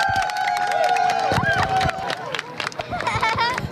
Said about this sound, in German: Dann ist es endlich soweit. Die Sonnenfinsternis erreicht ihren Höhepunkt und Jubel bricht aus.